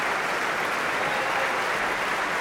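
Steady, dense applause from a concert audience for the orchestra's clarinetists, a continuous wash of many hands clapping at an even loudness throughout, with no voices standing out.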